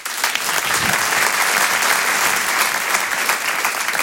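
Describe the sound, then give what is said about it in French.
Steady, dense clapping from a large audience applauding a performer fills the whole stretch, loud, with a continuous crackling texture and no voices rising above it. “Je vous demande de l'applaudir très très fort.”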